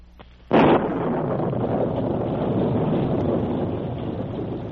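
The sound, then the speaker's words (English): After a brief hush, a violent storm wind bursts in abruptly after darkness has fallen in the evening and keeps roaring at a loud, steady level, a dense rushing howl with no voices. “A violent storm was raging.”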